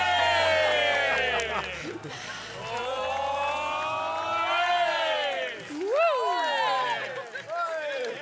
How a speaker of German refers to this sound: Wir hatten sehr tolle Menschen hier vorne im Publikum, die mitgefeiert haben